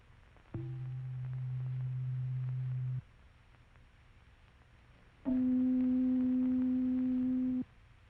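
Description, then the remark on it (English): A tuning fork sounds a steady, pure C below middle C for about two and a half seconds, then after a pause a second fork rings an octave higher, louder and equally smooth, before cutting off. “And now the sound of C below middle C.”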